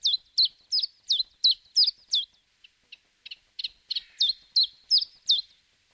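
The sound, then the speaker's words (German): A common chiffchaff sings its steady, repetitive song of sharp high chirps in the early morning with hardly any wind, with a brief softer pause midway, clear with no other sounds. “Da schickt ein Zilpzalp sein Lied in den beginnenden Morgen.”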